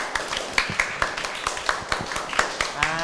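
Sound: classroom applause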